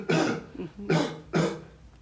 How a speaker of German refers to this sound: Und husten.